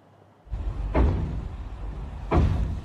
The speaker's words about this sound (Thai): เสียงเคาะและเสียงกระแทกผนังดังต่อเนื่องในช่วงกลางดึกกลายเป็นปัญหาที่ผู้เสียหายรายหนึ่งต้องเผชิญหลังจากย้ายเข้ามาเช่าทาวน์เฮาส์แห่งหนึ่งในพื้นที่กรุงเทพมหานครตั้งแต่ช่วงต้นเดือนพฤษภาคมที่ผ่านมา